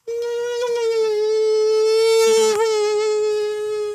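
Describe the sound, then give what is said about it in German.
A human voice imitates the whine of an Asian tiger mosquito live on Radio Frankfurt, a steady high-pitched nasal buzz held for about four seconds with rich harmonics and a brief wobble near the end. “Fieses Ding, die asiatische Tigermücke.”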